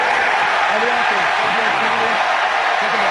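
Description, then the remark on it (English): A large, mostly Philadelphia-supporting crowd cheers at Tottenham Hotspur Stadium in London during an American football game against Jacksonville, a steady, loud roar that fills the whole moment, with a few individual voices rising and falling through the din. “If you hadn't guessed, by the way, this is quite a heavily favoured Philadelphia crowd base that's here in London today.”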